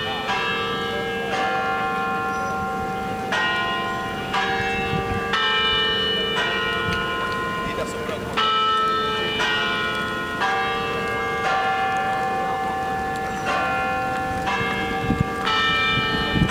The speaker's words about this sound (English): With the bells of the tower, we have reached the fourth hour